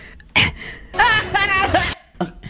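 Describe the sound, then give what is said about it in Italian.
Two short, abrupt hiccups, one near the start and one near the end, with a stretch of voiced, wavering vocal sound between them. “Aspetta, viene il singhiozzo, scusa. Cosa? Hai sentito? C'è il singhiozzo.”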